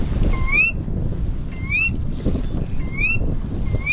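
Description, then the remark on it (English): A Sora rail, a small bird about the size of a robin, gives four clear, rising whistled calls at fairly even intervals over a constant low rumbling background of wind or water noise. “That's a Sora rail, a small bird about the size of a robin.”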